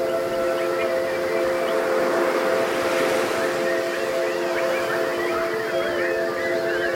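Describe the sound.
An audience, asked by a performer to sing like birds, whistles and warbles together, imitating birdsong in a dense, overlapping chorus over steady sustained tones, loud and continuous throughout.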